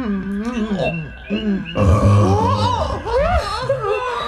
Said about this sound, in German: Nun hat er seinen kleinen Rülpser gemacht, ne? Och, macht ja nichts. Was raus muss, muss raus, sag ich immer.